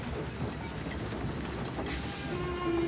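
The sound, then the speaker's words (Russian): A departing train starts moving and rolls along the rails with a steady, loud mechanical rumble and rattle, and a thin wheel squeal rises briefly near the end. No one speaks. “Надя оборачивается на уезжающий поезд, поднимается, бежит за поездом.”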